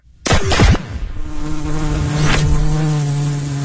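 A loud insect-like buzz with swooping fly-by sweeps at the start and again midway, settling into a steady droning hum in between. No voices are heard.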